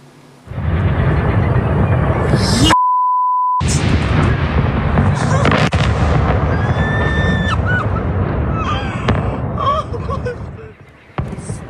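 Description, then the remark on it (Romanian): Loud, rumbling blasts from Russian cruise and ballistic missiles and explosive-laden drones striking Kyiv and other Ukrainian cities shortly after 9 p.m. local time fill nearly ten seconds of chaotic noise, with people's voices mixed in and a short electronic beep cutting through early on. “Rachete de croazieră balistice și drone încărcate cu explozibili au luat cu asalt teritoriul ucrainean puțin după ora locală 21 și au făcut sirenele să răsune aproape toată noaptea.”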